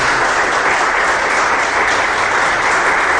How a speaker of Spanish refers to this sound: ¿Cuántos dicen gloria a Dios? Dele ese aplauso poderoso al Señor.